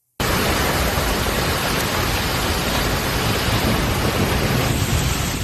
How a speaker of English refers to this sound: Kearney, Missouri, heavy rain, strong wind slammed the city. Kearney's just northeast of Kansas City.